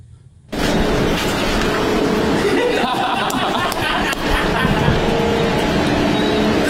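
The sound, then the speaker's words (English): A refuse lorry clearing up horse manure outdoors on a sunny day rumbles loudly, its engine noise cutting in abruptly and holding steady for several seconds, with indistinct voices murmuring underneath. “I love the timing of the refuse lorry.”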